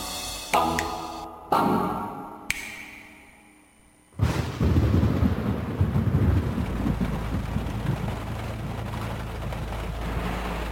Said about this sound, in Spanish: La lluvia torrencial y las llantas en el fango. Carro atascado.